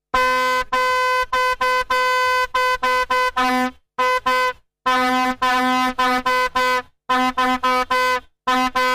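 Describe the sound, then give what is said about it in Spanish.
A loud vuvuzela, blown by a football fan among a crowd of supporters, blares a steady buzzing drone in a rapid series of short, choppy blasts, broken by a few longer sustained honks, with no one talking. “Pues aquí lo que más suena no es ni el griterío de la gente ni el claxon de los coches, sino la bubucela”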